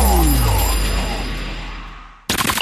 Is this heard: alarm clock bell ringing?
yes